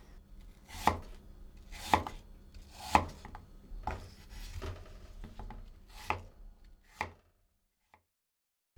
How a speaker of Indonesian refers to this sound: Buang bagian bijinya, tetapi jangan kupas kulitnya. Potong lagi potongan apel tadi hingga berukuran tebal sekitar 1 cm.